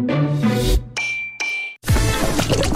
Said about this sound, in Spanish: No, mi celular cayó en la sopa.